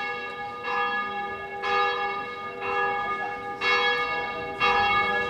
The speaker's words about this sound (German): Das Glockengeläut ist nicht nur Uhrzeit bekannt zu geben, Glockengeläut ist im Korčula viel, viel mehr. Da haben wir zum Beispiel Todesnachrichten.